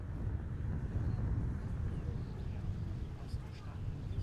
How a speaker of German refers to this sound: Mindestens einmal in der Woche steht er hier, 36 Meter hoch in Merzdorf auf dem Turm. Doch heute ist es oben zu windig zum Reden, typisch Küste.